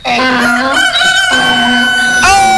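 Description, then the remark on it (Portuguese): A rooster crows once, loud, a long drawn-out cock-a-doodle-doo with a strained, rising call at the end, heard on its own with no talking. “Eu quero cavalo, boi, o galo e o cachorro.”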